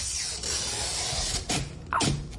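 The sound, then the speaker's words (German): A sticker is peeled off for an unveiling at the U-Bahnhof Dollendorfplatz station for Pride Month, in short crackling rips, with two sharper tearing bursts toward the end over a steady background hiss. “Der Sticker wurde abgezogen.”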